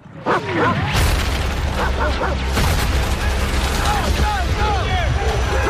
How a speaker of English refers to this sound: That's a wee taste of it. I mean, you can't get much from it. There's a lot of gunfire and that sort of thing.